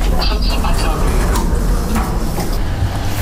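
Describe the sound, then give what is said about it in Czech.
A steady mechanical rumble of an elevator ride from the ground floor to the third-floor newsroom in the Czech Radio building at Vinohradská 12, with sliding doors clattering and a few short knocks; faint, muffled voices sit underneath the drone. “A jelikož jsme v přízemí, tak musíme do výtahu tam zmáčknout číslo 3, protože právě ve třetím patře je newsroom Českého rozhlasu i se všemi studii radiožurnálu a taky radiožurnálu Sport.”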